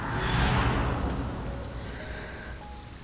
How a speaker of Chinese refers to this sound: 下雨了，怎么不躲躲？